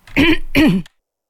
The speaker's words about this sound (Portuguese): E agora, depois de tossir, pronto, e de me tentar refazer, que horror, está péssimo.